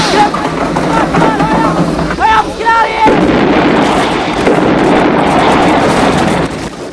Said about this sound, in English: The bomber explodes in a huge orange fireball, shocking the onlookers. Sickened, the young men cast down their eyes as emergency vehicles race out to the burning plane.